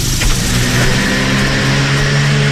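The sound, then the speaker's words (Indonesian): A car engine hums loudly and steadily, its low mechanical drone holding for a few seconds with a slight rise in pitch, like a vehicle moving along the road. No one speaks. “Anda tidak tahu apa yang datang dari belakang, melainkan jika anda ada mata. Di belakang kepala, berjalanlah dengan hadap lalu lintas.”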